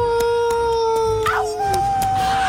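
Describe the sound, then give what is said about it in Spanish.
Coyotes howl in the distance in long, sustained overlapping tones, one pitch sliding downward near the end, heard steadily over a faint, regular ticking. “Los coyotes aullando a lo lejos.”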